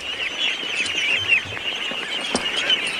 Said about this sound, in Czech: Poslyšte, to jsem se vás chtěl zeptat, co je to tu všude za ptáky? Kachny.